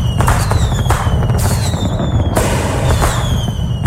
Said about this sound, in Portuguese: Estendendo aqui nossos fogos, as nossas homenagens a quem não teve o seu nome registrado, mas que também está completando mais uma data aí neste 12 de agosto.